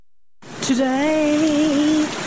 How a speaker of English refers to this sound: Today it rained.